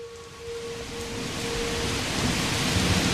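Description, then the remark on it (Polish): Steady, heavy rain falls outside a window as a dense hiss that swells slightly louder, with a low rumbling undertone and a faint steady hum beneath it. No one speaks. “a jego głos był chłodniejszy niż deszcz za oknem.”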